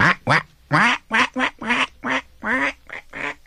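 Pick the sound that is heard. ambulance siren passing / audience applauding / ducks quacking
ducks quacking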